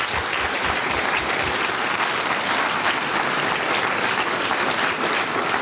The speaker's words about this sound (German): Liebe Leute aus Gampern, ihr wart wirklich ein Spitzenpublikum. Ich weiß, das sagt man oft so hin, aber bei euch stimmt's. Vielen Dank einmal. Applaus für euch von meiner Seite.